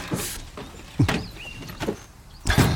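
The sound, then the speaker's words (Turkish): A door slides open with a rumbling scrape, a short high squeak partway through, and a couple of soft knocks as it moves along its track, ending with a louder clunk. “Dur, hadi. Kapı.”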